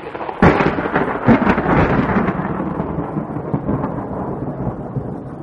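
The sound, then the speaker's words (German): A thunderstorm with a sharp crack of thunder followed by a second rumble, then a long rolling roar fading slowly beneath steady rain. No voices. “das Gewitter hört ja gar nicht mehr auf.”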